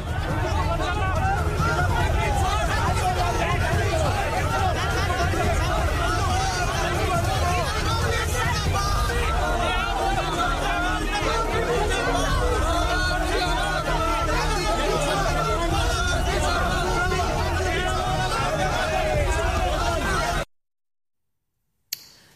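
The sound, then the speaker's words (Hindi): Loud, dense chatter of an unruly crowd pushing and shoving during a foot march with Rahul Gandhi and D.K. Shivakumar, many overlapping voices in a restless hubbub that stays steady for about twenty seconds before cutting off abruptly into silence. “इसी पैदल मार्च में जब भीड़ बेकाबू हो रही थी और लोग एक दूसरे के साथ धक्का मुक्की कर रहे थे तब आरोप है कि राहुल गांधी ने भी अपने समर्थकों को धक्का देकर पीछे किया।”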